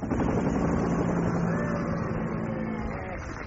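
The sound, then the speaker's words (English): A helicopter on a school run flies overhead, its engine and rotors making a steady, loud drone that holds level for a few seconds and fades slightly toward the end. “Ah, so that is the school helicopter pilot.”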